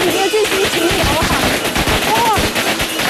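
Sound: firecrackers exploding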